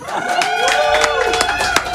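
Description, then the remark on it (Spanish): Audience applause at a Tiny Desk live performance, with scattered sharp claps over a steady wash of cheering and shouting voices from a crowd, holding at a fairly loud level throughout. “¡Ey, aplauso!”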